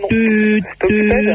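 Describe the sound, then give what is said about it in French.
A voice imitates a telephone busy signal: two sustained, flat-pitched hums of about half a second each, separated by a short gap, fairly loud with no other sound. “Ça sonnait occupé”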